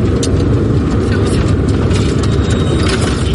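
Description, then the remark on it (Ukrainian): A car engine rumbles steadily as an evacuation car carrying families with children moves off under a clear sky, a dense low drone with road noise that holds an even level throughout. Faint indistinct voices may sit underneath. “Нам повідомляють, що небо чисте і машина рушає.”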